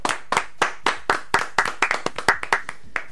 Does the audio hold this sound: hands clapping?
yes